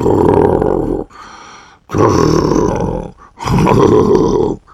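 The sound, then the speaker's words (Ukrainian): A voice imitates loud snoring as hard as it can: three long, rough, rumbling snores with short quiet breaths between them, forceful, no talking. “Почни тоді сам, що сили хропти. Десь так.”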